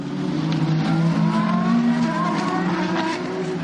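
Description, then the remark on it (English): Racing cars, led by Will Stevens, roar past at full speed as the race goes green after a safety car period, a loud, continuous engine drone with shifting whining tones as several cars sweep by one after another, no voices heard. “Slightly delayed message, we're going green right now, and there they go past me to my right shoulder.”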